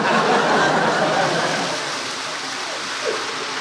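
A loud, continuous rush of flood water churns and hisses, easing slightly in volume partway through but never stopping, with no voices over it.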